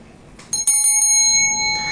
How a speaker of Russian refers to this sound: Это замечательный такой медный колокольчик, чукотский оленей колокольчик. Мне подарили друзья из Чукотского музея.